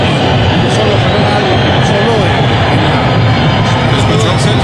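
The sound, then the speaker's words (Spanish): A huge stadium crowd at a football match whistles and roars at Liga Deportiva Alajuelense as they carry the ball, a dense, deafening wall of noise with shrill whistle tones threading through it for the whole stretch. “Ensordecedor esa chiflada, Eduardo, no te escucho.”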